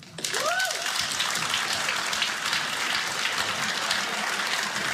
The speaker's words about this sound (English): Before I do this, I have to get to know you. Tonight, clap if you're in a happy relationship.